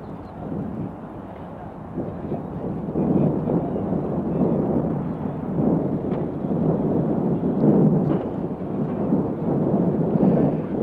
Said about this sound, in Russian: Вот сейчас автомашина, на крыльях которой государственные флаги Советского Союза и Югославии, въезжает на площадку Ленинградского аэропорта. Вы слышите, как собравшиеся горячо приветствуют выходящих из машины Никиту Сергеевича Хрущева